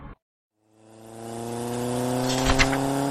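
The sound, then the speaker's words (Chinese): After a short burst and a moment of silence, a motorcycle engine revs up and holds a loud, steady, buzzing drone, with a brief surge near the end. A motorcycle at night on a winding mountain road on the Loess Plateau. “深夜，在黄土高坡的盘山路上，一辆摩托车突然失控，砰的一声，连人带车滚下3米陡坡。”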